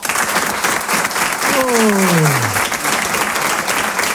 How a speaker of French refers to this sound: Applaudissez pour voir ceux qui habitent sur Paris.